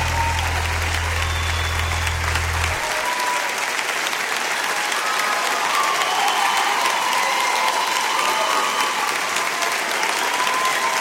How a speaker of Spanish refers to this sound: Aplauso para Eugenia León.